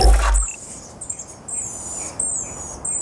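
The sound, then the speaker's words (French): A Chatham Island black robin (miro) sings a series of thin, high, sustained whistled notes in short repeated phrases, clear over a soft background hiss, with no talking; a recording from the Xeno-canto database. “Celui-là, c'est le miro des îles Chatham.”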